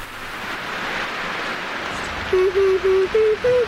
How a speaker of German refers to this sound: Hör mal, wie es regnet.